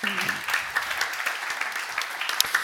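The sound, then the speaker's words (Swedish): An audience claps steadily, a dense, continuous patter of many hands at moderate loudness lasting a few seconds, with a brief murmur of voice at the very start. “En applåd till de här.”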